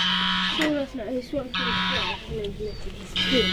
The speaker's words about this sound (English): That goose is really insistent.